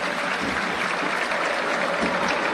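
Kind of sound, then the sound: crowd, stadium crowd applause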